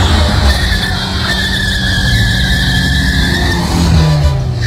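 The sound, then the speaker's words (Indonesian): A motorcycle skids loudly past pedestrians crossing a road, nearly hitting one, a sustained tire screech riding over a rough engine rumble for several seconds, with no voices. “Woi! Buset deh. Mau motor lewat mata lo.”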